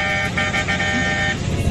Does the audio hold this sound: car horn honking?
yes